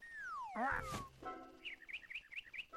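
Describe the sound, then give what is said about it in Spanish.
A parrot named Tasio, learning to fly and land, chirps and squawks, starting with a long falling whistle, then a harsh burst, followed by a quick series of bright, repeated chirps. No one is talking. “Eso, tío, eres un loro, se supone que sabes volar, ¿no?”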